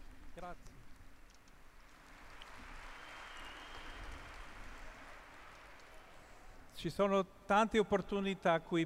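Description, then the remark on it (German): Sustained applause from a crowd for Jesus Christ, a dense steady wash of clapping lasting several seconds, after which a man begins speaking loudly. “Der stärkste Applaus muss für Jesus Christus sein. Wir sind alle Jünger Jesu. Einen Applaus.”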